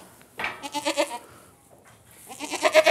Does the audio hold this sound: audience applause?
no